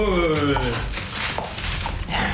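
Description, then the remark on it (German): A search dog is rewarded after a successful find: a high-pitched voice praises it excitedly, then scuffling, rustling movement and muffled activity continue for a couple of seconds. “Und wenn es dann geklappt hat, werden die Hunde entsprechend belohnt. Und das klingt in etwa so.”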